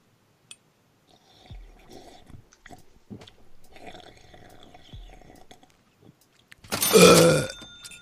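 Quiet wet slurping and mouth noises come and go, then one loud, harsh, rasping burp bursts out near the end and quickly fades.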